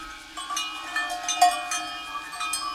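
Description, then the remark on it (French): Several cowbells, each hung on the neck of a cow in a herd on a mountain, clank and jingle together in an irregular, overlapping pattern, their metallic tones ringing out steadily at moderate volume as the herd moves about, with no voices. “Ce sont les cloches attachées au cou des vaches.”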